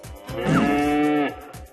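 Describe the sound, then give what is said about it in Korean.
A dairy cow lets out a single long, loud moo lasting about a second, a steady low drawn-out bellow, with no talking. “울음소리의 주인공은 젖소였구나.”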